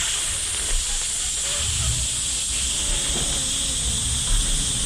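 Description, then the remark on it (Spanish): A pressure cooker's faulty whistle valve hisses steam in one steady, loud, high-pitched rush that never lets up for the whole stretch, with faint low rumbles underneath. “Cuando el pito de la pitadora está malo.”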